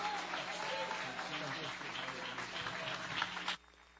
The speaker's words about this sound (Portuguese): batendo palmas para Jesus. Palmas e glória a Deus!